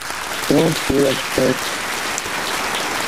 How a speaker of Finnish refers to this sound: Kiitän sinua kovasti ja täältä tulee aplodit.